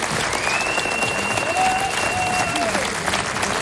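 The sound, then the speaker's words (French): Loud, dense applause from a large audience at the RCFM cabaret for a choir of 14 women singing a mainly polyphonic repertoire, steady throughout, with a sustained high whistle-like tone and a lower tone gliding beneath the clapping. “Je vous demande d'applaudir bien fort et Gantidele.”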